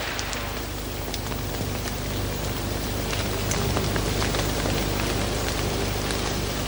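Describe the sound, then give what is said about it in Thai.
Steady rain pours down continuously, a dense hiss of drops with scattered sharper patters on a surface, fairly loud, with no voices. “ครั้นฝนตกลงมาอีกพืชเล็กๆเหล่านี้ก็ยังช่วยซับน้ำไว้อีกชั้นหนึ่ง”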